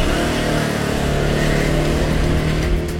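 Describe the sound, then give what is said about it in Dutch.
A 125cc scooter engine runs loud for a few seconds, its buzzing drone steady with slight rises in pitch as it revs, with no voices. “Maar gelukkig heb ik mijn eigen scooter. Een 125cc weliswaar.”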